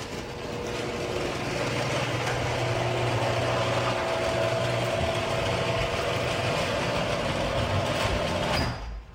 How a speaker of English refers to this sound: So I'm going to play some audio of what my garage door sounded like before I got my premium nylon rollers.